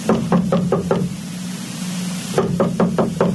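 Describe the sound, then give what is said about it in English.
Two bursts of sharp knocking on a door, about five raps each, separated by a short pause, with a steady low hum underneath throughout; no one speaks. “I'm not answering the door.”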